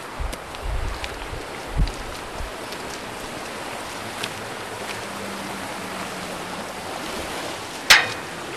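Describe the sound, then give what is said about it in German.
The Xierser Bach (Biedigbach), a mountain brook in the Alpine valley of Xiers, rushes steadily, a continuous broad hiss of flowing water with a few faint knocks and one sharp click near the end. No one speaks. “Ja, wir wollen jetzt natürlich auch ein bisschen uns die Geschichte von Xiers anschauen und wir sind bewusst an den Xierser Bach oder besser gesagt Biedigbach herangetreten, weil er dann in der Geschichte von Xiers ja eine wichtige Rolle spielt.”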